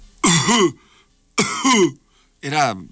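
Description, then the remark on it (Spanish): A voice imitates a woman's loud, hacking cough in a cinema, three forceful voiced bursts in a row with short pauses between them, prominent with no other sounds around. “Y era una tos fuerte, era como”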